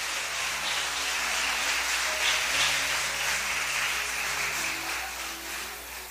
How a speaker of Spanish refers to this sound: Le damos un aplauso a él en esta noche, hermano.